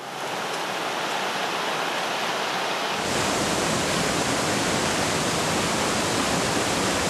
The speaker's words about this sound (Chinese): 钱塘江大潮源自月球引力和地球自转的双重作用，加上杭州湾喇叭口的特殊地形，最终造成壮观天下无的特大涌潮